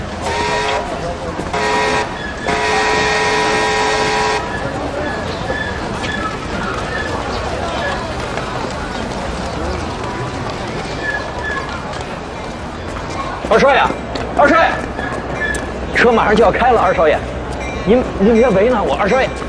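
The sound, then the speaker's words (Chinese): A loud, sustained train whistle blares in bursts for the first few seconds amid busy station bustle as the train is about to depart, followed by ongoing crowd noise and people talking. “等一下，二少爷，火车马上开了。”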